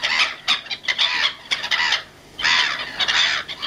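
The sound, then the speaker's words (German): A flock of black-headed gulls calls with harsh, raucous squawks and laughing cries, overlapping in bursts with brief gaps, loud, with no talking. “Ah, das sind Möwen. Ja, richtig. Lachmöwen.”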